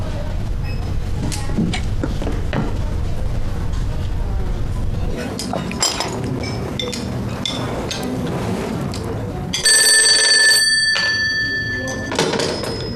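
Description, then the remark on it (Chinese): A loud telephone bell rings in one short burst of about a second near the end, standing out over muffled voices and a low, busy background rumble. “科长，那人来电话了，说让现在去发帽子，发吗？”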